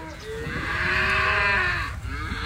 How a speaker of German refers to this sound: wache ich mitten in der Nacht wieder einmal vom Brüllen der Rinderherde auf. Ich fahre zur Weide. Sie liegt auf einem Berg etwa 1 Kilometer von meinem Haus entfernt. In einem Unterstand sind rund 15 Tiere zusammengepfercht. Ohne Futter und Wasser.